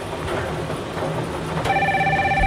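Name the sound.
telephone ringing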